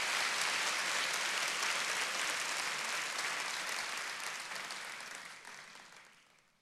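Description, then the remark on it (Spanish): A crowd applauds at the speaker's call, in a dense, steady wash of many hands clapping, holding strong for several seconds before gradually fading away at the end. No voices are heard over it. “Si esto es para usted una verdad, aplauda lo que de manera que se le caliente las manos, que lo sienta, sí, que lo sienta.”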